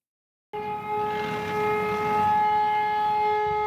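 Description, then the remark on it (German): A loud emergency siren starts abruptly after a brief silence and holds a steady, sustained wail with strong harmonic tones and a rumbling background, no voices present, opening a large emergency drill with 150 responders on an airport apron simulating a collision between a plane and a tanker truck. “Ohne Knall, aber mit lauter Sirene geht es los.”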